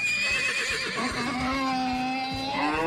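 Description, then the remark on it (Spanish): A horse neighs loudly, a long shaky whinny that wavers in pitch before trailing off, heard on its own without talking. “El relinche de caballo ahí.”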